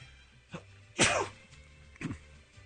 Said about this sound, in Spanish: Ay, Dios mío, sigo un poquito resfriado, como a lo mejor pueden escuchar, yo ahorita estornudé